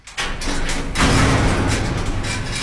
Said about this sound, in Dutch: Groot metalen hek.